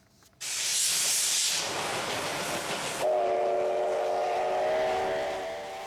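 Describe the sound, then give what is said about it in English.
A C-57 steam locomotive departs Shin Yamaguchi Station with a loud burst of hissing steam, then a long, steady whistle sounds over the powerful chuffing and rumble. “The C-57 departed from Shin Yamaguchi Station.”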